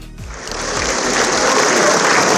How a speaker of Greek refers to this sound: Με βαθιά συγκίνηση και ένα θερμό παρατεταμένο χειροκρότημα αποχαιρέτησαν συγγενείς, φίλοι και εκπρόσωποι του πολιτικού κόσμου τη Μαργαρίτα Παπανδρέου που έφυγε από τη ζωή σε ηλικία 103 ετών.